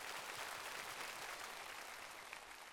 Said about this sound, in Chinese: 我们再一次感谢所有的歌手们，也请大家稍事休息，期待各位在今晚带来精彩的表演，来掌声给他们。